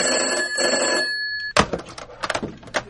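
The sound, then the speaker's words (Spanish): A telephone bell rings loudly and steadily for a moment, then stops abruptly with a sharp clunk, followed by scattered handling noises and faint clatter. “¿Podéis escoger los malditos teléfonos?”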